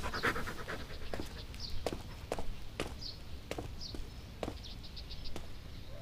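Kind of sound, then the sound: animal, small dog panting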